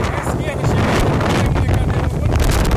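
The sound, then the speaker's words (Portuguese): Gale-force wind of over 100 km per hour on a beach roars and buffets the microphone in a loud, continuous rumble with a hissing, surf-like wash behind it, while red plastic chairs and tables are blown about and the horizon is closed in. “Por causa da ventania e o horizonte muito fechado.”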